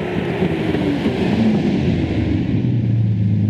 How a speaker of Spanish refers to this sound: ¡Oye, mira el Chevy! ¡Que acaba de entrar! ¡Es un carro con clase! ¡Y mire esa mozuela que lo está manejando!